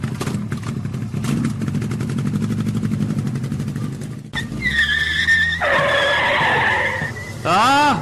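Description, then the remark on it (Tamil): A motorbike engine rumbles steadily, then revs hard and pulls away with a loud tire screech and rising whine, ending in a sharp sweeping roar. “பொறுக்கதே தம்பி, நீ வாப்பா, நமக்கு போலாம் பைக்ல ஏறு.”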